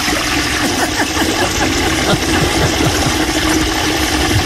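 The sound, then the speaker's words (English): A toilet flushes in one long, loud, steady rush of churning water that holds at full strength for several seconds without tapering off. No one speaks. “It's a strong twist. That's a long flush.”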